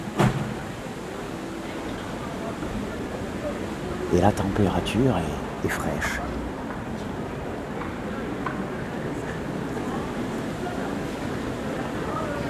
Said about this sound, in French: Il y a autour de cette gare aussi un petit parc avec des arbres. Le vent bruisse dans les feuillages, il est même fort.